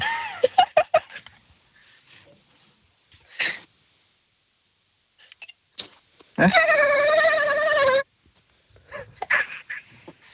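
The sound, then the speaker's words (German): A voice imitates a dolphin: a few quick squeaks and clicks, then a loud, sustained, warbling high-pitched squeal lasting over a second, followed by softer chirps. “Okay, du hast ungefähr 3 Sekunden Zeit, um dir einen Delfin zu überlegen, wie der klingt.”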